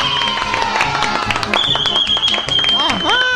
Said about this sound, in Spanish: Y los niños aplauden.